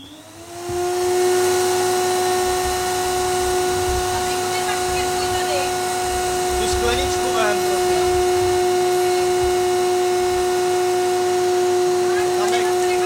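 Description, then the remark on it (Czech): A vacuum cleaner switches on about a second in and runs steadily with a loud, droning motor whine while a studio is being cleaned up, as people speak briefly over the noise. “Máš ten vysavač”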